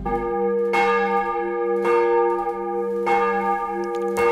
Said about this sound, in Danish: Der ringes til morgenandagt fra Vor Frue Kirke i København.